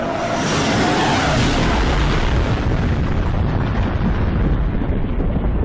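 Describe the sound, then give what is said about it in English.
A loud sonic boom from a supersonic jet during a six-month sonic boom test over Oklahoma City: a sharp, thunderous blast that rolls on as a heavy, sustained low rumble for several seconds. There is no talking. “And out of nowhere, the people of Oklahoma City are hearing these cracking, thunderous blasts.”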